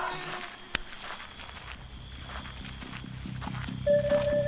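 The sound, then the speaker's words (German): Quick, steady footsteps of someone running, thudding in a fast, even rhythm, with a single sharp click early on and a thin tone rising at the end. “Würdest du bitte nicht so rennen?”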